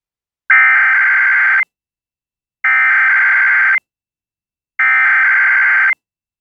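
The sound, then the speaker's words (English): Emergency alert system tones from a test conducted by Franklin County Emergency Management: three loud, harsh electronic bursts, each lasting about a second, separated by even stretches of silence, with no voices present. “This is a test of the emergency alert system.”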